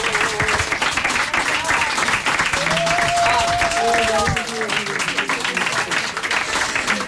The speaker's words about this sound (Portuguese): Os aplausos